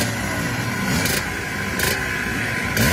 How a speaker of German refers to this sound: Ja, Zschopau steht einfach für Weltklasse-Motorräder und schon seit Tagen sind die Maschinen dort zu sehen und vor allem sind sie auch zu hören.